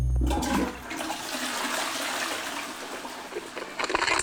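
A toilet flushes: a low clunk at the start, then about four seconds of loud, steady rushing and gurgling water with no voices.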